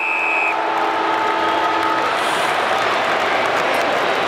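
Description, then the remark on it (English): The halftime siren at a football match involving Hawthorn sounds a steady, horn-like tone for about two seconds over a loud, roaring crowd, then fades while the crowd noise carries on undiminished. “Literally on the siren. It couldn't have been any closer.”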